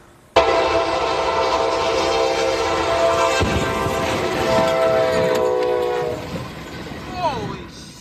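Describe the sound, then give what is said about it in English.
A train horn blares loud and steady for several seconds as the train collides with a septic truck in Virginia, a harsh, rumbling crash bursting in midway beneath it; then the horn cuts off and the noise fades into clattering. “Well, caught on camera in some intense video, the moment a train collided with a truck in Virginia last week.”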